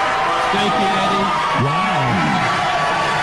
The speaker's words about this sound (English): Wow, that response from the crowd.